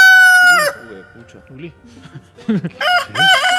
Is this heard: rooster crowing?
yes